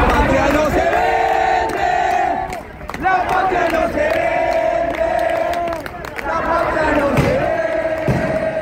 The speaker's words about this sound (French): À Buenos Aires, face au congrès qui doit voter la loi, la foule est nombreuse malgré la pluie.